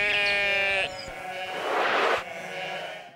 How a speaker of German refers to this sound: Komm. Komm, Schaf, komm. Komm, Schaf, komm. Komm. Komm, hier, Schaf, komm. Komm. Ja, komm, Schaf, komm. Komm hier.